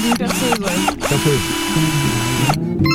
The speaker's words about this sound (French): Une visseuse. Une visseuse, très bien.